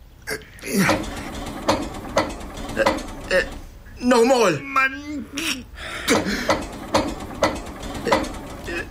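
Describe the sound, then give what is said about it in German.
Repeated attempts to start a motor: a steady series of sharp mechanical clicking bursts, like cranking, that keeps going while a man's voice speaks briefly over it. “Ne, smiet den Motor an.”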